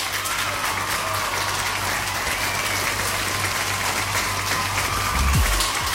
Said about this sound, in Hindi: तो मैंने सवाल पूछा था कि केमिस्ट्री के फादर कौन है, और बिल्कुल सही तरीके से जवाब दिया है सबने, तो सबके लिए बजेंगी तालियां।